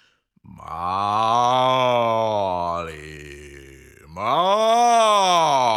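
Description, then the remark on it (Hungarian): A human voice imitates a cow's moo: two long, loud, low drawn-out calls, the first sagging in pitch before a brief dip, the second rising and swelling. “A tehén hangosan bőgi.”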